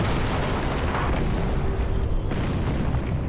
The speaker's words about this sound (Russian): Во время выстрела массивные стволы гаубиц откатываются на метр назад на салазках. Резко возвращаются в исходное положение.